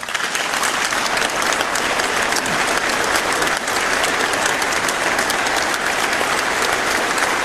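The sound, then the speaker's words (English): Sustained audience applause during a speech by Carney, a dense, steady patter of many hands clapping at an even, fairly loud level throughout, with no voices standing out. “Sorry, I didn't mean to time that as an applause line.”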